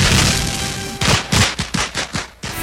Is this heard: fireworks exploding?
yes